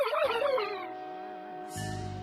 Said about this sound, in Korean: 얘들아, 러블은 괜찮아? 아, 그게 겉보긴 멀쩡해. 그런데 좀 이상한 소리로 짖는데?